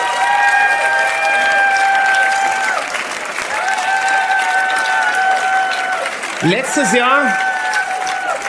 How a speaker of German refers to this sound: Und ich denke, da gibt's einen Riesenapplaus für meine lieben Freunde aus Südtirol